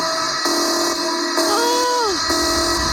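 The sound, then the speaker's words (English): An electronic alarm tone, played whenever the word 'actually' is said, drones steadily, and midway a horn-like blare sounds for about half a second before its pitch slides downward and cuts off. No one speaks. “That has been playing in my head for the last 2 weeks, that alarm and that noise.”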